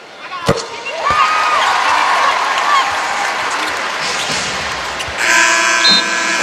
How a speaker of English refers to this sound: And as soon as the ball is inbounded by the Storm, there's the third quarter clock buzzer. On to the fourth at the Fieldhouse.